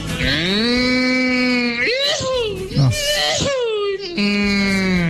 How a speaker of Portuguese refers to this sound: Segura o buzinaço do Sérgio do Pão na casa do caminhoneiro, piloto de Scania.